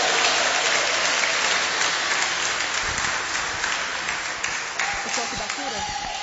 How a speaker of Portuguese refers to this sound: Receba ele com bastante palmas e glória a Deus.